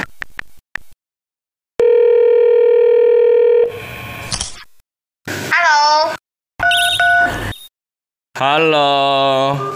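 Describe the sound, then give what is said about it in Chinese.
A video call placed with China Mobile's New Calling service rings out: a few quick taps, then a steady electronic tone held for about two seconds, followed by short bursts of bright, warbling, melodic sounds separated by brief silences. “我用中国移动新通话给他们打一个视频电话，我们直接面对面问清楚吧。”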